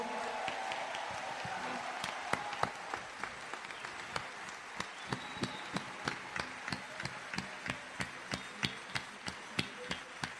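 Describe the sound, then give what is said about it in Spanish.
An audience applauds for the Lord in a steady rhythmic clap, many hands beating together at a regular pace, sharp percussive claps over a dense bed of scattered clapping, with no speech. “Vamos a darle un aplauso grande al Señor.”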